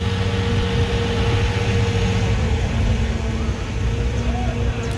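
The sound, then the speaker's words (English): A heavy municipal water truck engine rumbles steadily while a broad, continuous rushing hiss of spraying water runs alongside it for the whole stretch, with no clear pauses, as the truck sprays down city streets and sidewalks in Prague. “In Prague, municipal water trucks are out in full force, spraying down city streets and sidewalks to keep pedestrians cool.”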